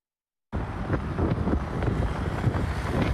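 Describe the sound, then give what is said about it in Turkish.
Strong gusting wind roars and buffets the microphone after a moment of silence, a dense, rumbling rush that swells and surges steadily, with hints of water and waves beneath; severe wind in front of a hairdresser's shop in Aksaray. “Ama şiddetli rüzgar etkisini gösterince başlarına gelmeyen kalmadı.”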